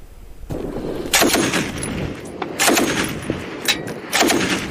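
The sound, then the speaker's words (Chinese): Dense, sustained gunfire crackles in rapid overlapping bursts, with several louder volleys standing out over a constant rattle of shots, intense throughout, during fighting between Yemeni government forces and Houthi forces in Taiz Province, Yemen. “根据胡塞武装8号发布的视频，现场交火十分激烈，可以听到密集枪声。”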